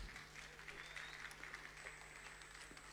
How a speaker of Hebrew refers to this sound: אז מגיע לו הרבה מחיאות כפיים, הרב צביקה כהן.